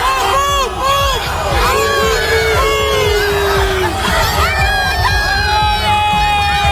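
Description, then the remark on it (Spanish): A large, excited crowd of football fans cheers and screams nonstop as they welcome Cristiano Ronaldo, with many high-pitched shrieks and whoops rising and falling over a dense roar of voices, loud throughout. “Así recibían ayer a Cristiano Ronaldo.”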